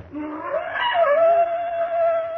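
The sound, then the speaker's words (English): Black panthers scream: a long wailing cry that rises in pitch, then holds a steady, piercing tone for about two seconds, loud and alone with no voices. “Why do the panthers scream?”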